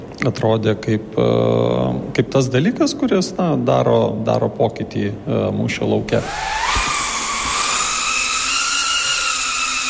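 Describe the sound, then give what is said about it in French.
A person talks, then a drone's high-pitched electric buzz starts up loud, its pitch climbing slightly before holding a steady whine for the remaining few seconds; a drone being piloted at Drone House, an indoor drone-flying centre in the suburbs of Riga, Latvia. “C'est pour offrir un espace à ceux qui voulaient apprendre à piloter des drones”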